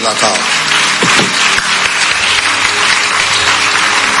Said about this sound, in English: Clap for Jesus.